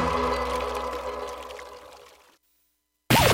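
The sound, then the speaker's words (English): Water pours steadily into a container with a full, bubbling rush that gradually fades out, followed by a brief silence before another sound abruptly cuts in. “When you just add water, you change a life.”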